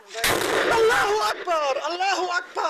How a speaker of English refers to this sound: And then, almost exactly 1 minute after the video starts with medics gathered around the wounded, another explosion. The woman shouts in disbelief. The image shakes. When the smoke clears, you can see more bodies.